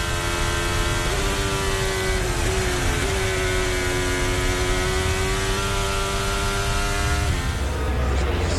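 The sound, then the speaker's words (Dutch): A race car engine drones loudly and steadily, its pitch jumping twice in quick succession as the driver downshifts twice instead of once, raising the revs so the engine works as a generator to recharge the battery, then holding a sustained high whine for several seconds. “Normaal schakel je één keer terug. Hij schakelt daar twee keer terug.”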